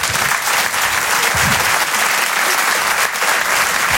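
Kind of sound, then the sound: crowd, audience applauding loudly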